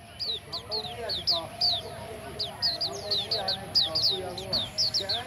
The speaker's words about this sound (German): Man muss schon ein sehr feines Gehör haben, um dieses Vogelkonzert schätzen zu können. Einmal im Monat findet im Park ein Wettbewerb statt.